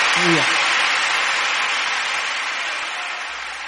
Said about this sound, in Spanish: ¿Por qué le damos un aplauso al Rey? Rey de Reyes, Señor de Señores.